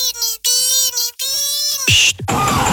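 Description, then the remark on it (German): A voice imitates a struggling car engine: several strained, droning tones broken by short gaps, ending in a loud, hissing, sputtering burst. Loud, with no other sounds. “Wenn euer Fahrzeug so klingt, dann gibt's nur eins. Autopredi macht das Auto wieder ready.”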